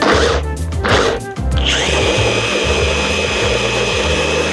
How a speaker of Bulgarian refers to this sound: Изливам част от водата от боба и го слагам в един блендер. Така. И слагам част от водата. Пасирам боба.